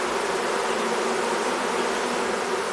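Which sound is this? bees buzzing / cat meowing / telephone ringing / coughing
bees buzzing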